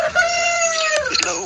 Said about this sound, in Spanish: ¿Escuchó el gallo cantor ahí?